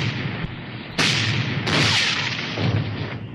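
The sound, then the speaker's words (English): A pirate galleon fires a cannon broadside at a Spanish fort, with two heavy blasts about a second apart crashing over a dense, roaring rumble of battle noise. The firing is loud, and nobody speaks. “Give him another broadside.”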